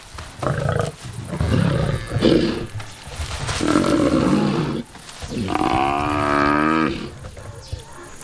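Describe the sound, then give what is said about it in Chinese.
Lions of the Enga pride roar and growl in a string of loud, rough bursts, some deep and harsh, one rising into a strained, wavering bellow, with brief pauses between calls and no talking. “恩加狮群是非常高效的猎手，每次猎杀都是一堂货真价实的捕猎大课。”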